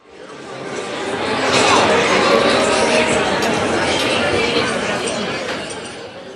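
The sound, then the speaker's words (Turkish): A steady crowd murmur of many overlapping voices rising from a corridor swells up over the first couple of seconds, holds as a dense babble with occasional faint clinks, then eases off at the end. “Çünkü koridordan yükselen uğultu birkaç soruyu da beraberinde getiriyor.”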